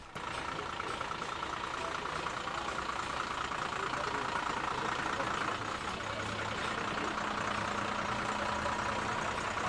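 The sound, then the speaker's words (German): A parade float vehicle engine idles steadily throughout, a continuous low rumble with a droning hum, unchanging, with faint background activity but no clear speech. “Der nächste Wagen mit Theatergruppe aus Niederlauterstein.”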